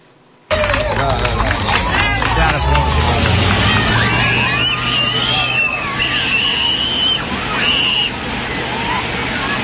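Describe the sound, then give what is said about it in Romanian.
A steady, loud rush of water sprayed by firefighters from a fire-service intervention vehicle, creating water curtains to cool children in Magnolia Park in Oradea, Romania, during a heatwave, with excited children's shouts and squeals rising above it and a busy outdoor crowd. “Cu ajutorul unei autospeciale de intervenție, pompierii au creat perdele de apă menite să le ofere copiilor un strop de răcoare și un plus de confort în timp ce se bucură de joacă, în ciuda caniculei.”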